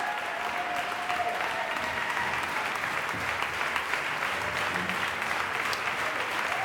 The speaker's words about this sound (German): Und jetzt machen Sie Platz für Georges Petrou, den Dirigenten und Regisseur, der den Jubel der Menge genießen darf. Und jetzt auch seinem Orchester den verdienten Applaus zukommen lässt.